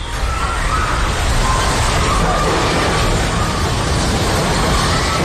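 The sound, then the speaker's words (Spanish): An earthquake at Caracas airport, as two quakes of magnitude 7.2 and 7.5 shook Yaracuy state, roars steadily for several seconds, a loud, deep rumbling wash with the crash of collapsing walls and breaking glass blended into the dense noise; no voices are heard. “Así suena un terremoto. Muros que caen, cristales que se quiebran.”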